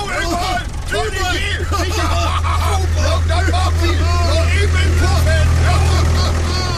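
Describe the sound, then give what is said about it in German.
A tractor engine rumbles with a steady, low drone throughout, fairly loud, as a group of men drive off in it, while several people talk and chatter over it. “Wir fahren noch eben im Trecker beim Puff vorbei.”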